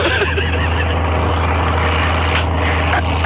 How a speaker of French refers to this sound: L'avion prend son élan, maintenant.